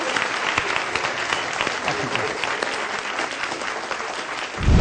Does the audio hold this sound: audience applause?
yes